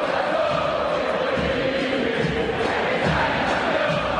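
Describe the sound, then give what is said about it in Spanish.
A stadium crowd of football fans at a River match chants together as rain begins to fall, a dense, steady roar, voices blending into a continuous sung wall of sound that stays loud and unbroken throughout. “Pero la magia de la gente, eso es lo que están gritando, sí.”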